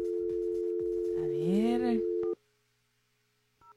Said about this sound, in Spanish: Estamos marcando, ok, estamos marcando ya. Ay, ay, ay, ¿qué pasó? ¿Marqué bien o no? A ver, estamos llamando ya.